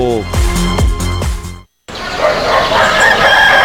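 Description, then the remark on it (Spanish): A loud rooster crows in a stretched, harmonic call that cuts off abruptly, followed after a short silence by a dense wash of broad, noisy sound. “Vamos Gallos, porque donde hay gallo, no hay fallo.”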